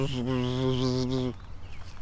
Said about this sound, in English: Big bee. I like bees. This guy's flying around too. Okay, so what we know is we are getting some big bees in the Papio Valley.